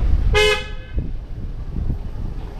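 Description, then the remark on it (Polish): A single loud car horn blast rings out briefly over a rumbling street, followed by low traffic noise and faint thuds in the background. “Trąbią samochody.”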